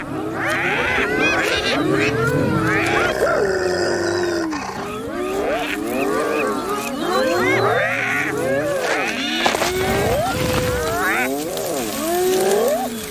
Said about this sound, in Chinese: 虽然通常情况下仅仅是几声咆哮和有力的抓挠足矣。所有雌性斑鬣狗的地位都凌驾于雄性之上